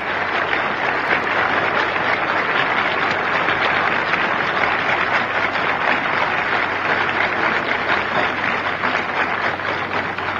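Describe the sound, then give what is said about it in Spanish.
Loud, sustained applause from a large assembly as Che comes up to give a six-minute speech for Cuba, a dense wash of clapping that holds steady for about ten seconds without any voices breaking through. “Escuchen el aplauso formidable.”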